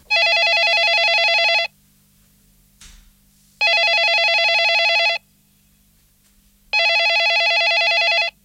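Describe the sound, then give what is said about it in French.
A telephone rings three times in long, evenly spaced bursts of bright trilling bell tone, loud, with silent pauses between each ring. “C'est-à-dire, je dormais et le téléphone sonnait dans mon rêve.”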